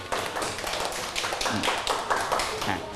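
A group of children in a classroom applauding a pair of classmates during a maths lesson, a steady flurry of overlapping claps that runs the whole three seconds at moderate loudness, with no clear talking.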